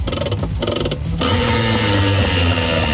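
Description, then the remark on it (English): The 4CC Gladstone Camping Centre glamping prize wheel spins with a rapid, steady run of loud ratcheting clicks, the ticking blurring into a dense rattling whir as it keeps turning. “Isn't that a big spin?”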